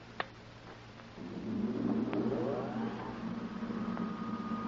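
A car engine hums steadily at a low pitch, then swells louder with a rising whine as if picking up speed. A few sharp clicks punctuate it, and no one speaks. The driver is calling by radio from the car.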